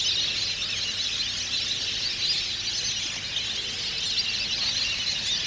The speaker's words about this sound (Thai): บึงน้ำเล็กๆที่สงบเงียบภายในมหาวิทยาลัยเกษตรศาสตร์วิทยาเขตกำแพงแสนแห่งนี้จึงเต็มไปด้วยนกเป็ดน้ำนานาชนิดในตอนกลางวัน